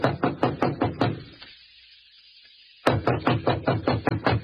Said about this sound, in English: Standing at the door, he hesitated. Then, squaring his shoulders, he knocked.